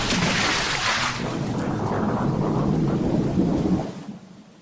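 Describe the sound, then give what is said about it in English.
A thunderstorm with heavy, pounding rain: a loud, continuous hiss of downpour over a deep rumble of thunder, holding steady for about four seconds before tapering off. “The rains pounded down.”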